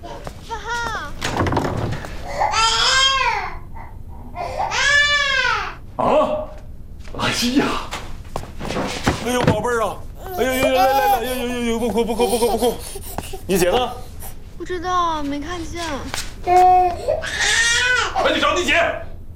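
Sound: baby crying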